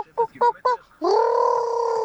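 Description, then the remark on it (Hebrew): A person vocally imitates a bird call meant as a cross between a dove and a chicken: three quick clucking pulses followed by one long, steady, nasal cry, loud. “זה שילוב, זאת החלאה של יונה ותרנגולת.”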